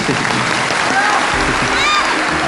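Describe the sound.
Sustained audience applause, a dense, steady wash of clapping that holds at an even loudness throughout, with faint voices and a brief cheer mixed into the crowd noise.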